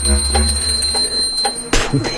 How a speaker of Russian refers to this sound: Опять колокольчик.